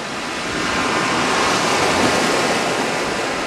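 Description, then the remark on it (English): A steady, broad wash of surf as waves break and roll onto the beach at Newquay, loud, swelling slightly partway through with no voices present; the tide is out and the sky is blue and sunny. “A team from Constant Wonder met up with him at his offices in Newquay, overlooking the beach. The tide was out, and since the sky was blue and sunny, the exposed sand gleamed”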